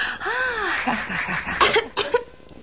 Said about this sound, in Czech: Vidíš, Kitty, teď už můžeš kašlat, co srdce ráčí.